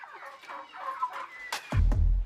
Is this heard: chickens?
yes